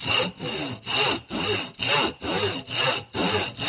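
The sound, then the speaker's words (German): A hand saw cuts a 7 cm piece for a locomotive from a small square wooden rod at a pencil line, in steady back-and-forth strokes, about eight rasping pulls in quick, even rhythm, clear with no voices. “Dann übernehme ich einfach das Sägen.”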